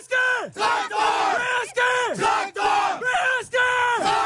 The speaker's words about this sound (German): Wir haben als Tradition den Traktor im Herzen und im Logo. Das stammt aus der Historie der Betriebssportgemeinschaft Traktor Prützel. Und die Spieler rufen das als Schlachtruf vor Beginn des Spiels.